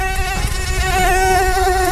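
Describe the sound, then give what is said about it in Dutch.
A voice imitates a mosquito's buzz with the mouth, a steady, high-pitched whine that wavers slightly in pitch and holds for about two seconds without any talking. “En dat doe je gewoon met je mond.”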